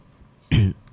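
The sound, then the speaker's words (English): A single short, gruff throat clearing by a person in a studio, lasting about a fifth of a second against a quiet background, with no talking. “I want the people to know the person in the studio by just clearing your throat a little bit.”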